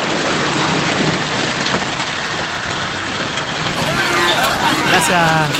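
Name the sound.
heavy rain falling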